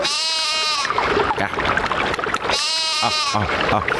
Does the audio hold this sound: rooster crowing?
no